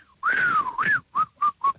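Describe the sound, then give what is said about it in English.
A person whistles a short tune, imitating a mechanic whistling after opening a car's bonnet: a long sliding note that dips and rises, followed by three brief, evenly spaced chirps. Clear, with no talking. “Opens up the bonnet, takes out his cigarettes, and he starts to whistle.”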